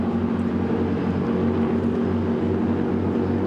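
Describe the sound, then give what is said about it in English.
The racing powerboat Wanna Play, driven by Adam Anderson, has an engine that roars loud and steady, a dense throbbing drone with a rough, pulsing low end that holds at constant volume throughout, with no voices. “A boat called Wanna Play.”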